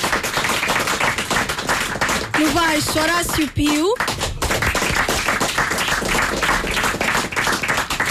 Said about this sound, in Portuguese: Então, na percussão, no do Filipe Oliveira. Mais uma vez um aplauso para o Filipe.